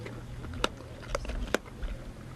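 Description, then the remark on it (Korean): Sharp, irregular cracks and crunches of bones being chewed by two lionesses eating prey in the bush, three distinct snaps amid softer gnawing and tearing, over a low outdoor rumble. “뼈를 으스러뜨리며 먹이를 먹는 암사자들.”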